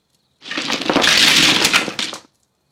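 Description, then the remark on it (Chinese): Mahjong tiles are poured from a mahjong box onto a table: a dense, continuous rattle of hard tiles clattering together, a bright crackling cascade lasting nearly two seconds, loud and sharp with many overlapping clicks before it stops abruptly. “Caroline 则端出麻将盒，把牌倒在桌上。”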